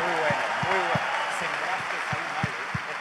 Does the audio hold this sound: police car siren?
no